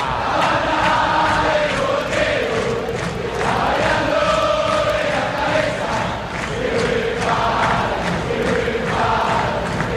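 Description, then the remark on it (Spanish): A huge football crowd of Boca fans roars and chants in unison, a dense, sustained wall of voices with rhythmic swells of shouting throughout, loud and continuous with no single voice standing out. “Y escucha, escucha, escucha a la gente de Boca.”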